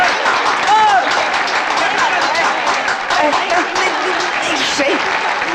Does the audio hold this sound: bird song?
no